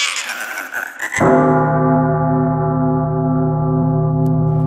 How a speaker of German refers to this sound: eine Glocke verbindet man im Abendland eher mit einem harmonischen Gefühl, wenn man die Glocken hört.